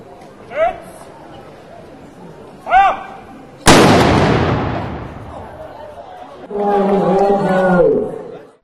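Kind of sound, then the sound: impact, ceremonial cannon shot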